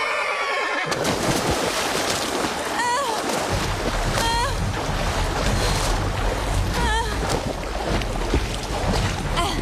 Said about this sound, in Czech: Za těma šutrama je řeka!